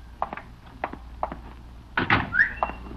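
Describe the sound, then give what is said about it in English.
A few spaced knocks on a door, some in quick pairs, followed by a louder burst of thumping and a short rising squeak, with no one speaking. “That may be opportunity knocking at my door.”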